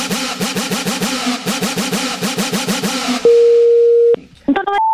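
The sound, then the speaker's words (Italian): Telephone line tones after a hang-up: a fast, buzzy warbling pulse repeats for a few seconds, then gives way to a steady flat tone, a short break, and a couple of higher electronic beeps. “Ma ha buttato giù il telefono. No, sarà caduta la linea possibilmente, so, perché anche lui non ha sentito più nessuno.”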